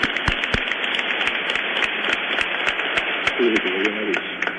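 A crowd claps steadily for a small boy after a blessing, several seconds of dense overlapping hand claps with a few sharper individual claps standing out, and a voice briefly murmuring near the end.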